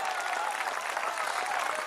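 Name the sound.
audience applauding loudly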